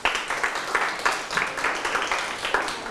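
A crowd applauds a friend who answered a question, many hands clapping at once in a dense, rhythmic patter with regular surges, sustained for the full few seconds at moderate loudness.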